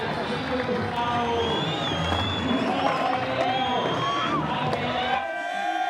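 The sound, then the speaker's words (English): A large crowd in Argentina roars and cheers steadily, a dense wash of many overlapping voices and shouts at a loud, constant level, with the low rumble thinning out near the end. “Pretty big crowd.”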